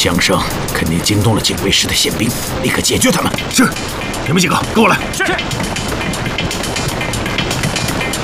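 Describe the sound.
Loud gunshots crack out in a cluster of sharp bursts over the first five seconds, set against a dense, rumbling background, with voices shouting beneath the noise.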